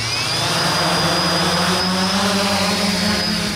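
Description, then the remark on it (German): A steady, whining rotor buzz from two drones lifting off inside a huge 15-metre-high cage resembling a bird aviary, at a German Aerospace Center (DLR) test setup in Braunschweig, Germany. Loud, holding an even pitch and volume throughout with no voices. “Zwei Drohnen starten in einem riesigen Käfig, 15 Meter hoch, erinnert an eine Vogelvoliere.”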